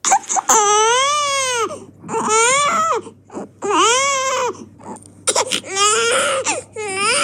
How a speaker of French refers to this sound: Alors attention, ça ne va pas forcément être agréable. Écoutez ce cri de bébé.